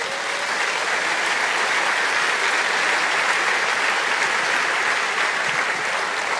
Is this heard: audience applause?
yes